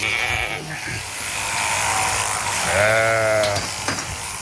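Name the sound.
sheep bleating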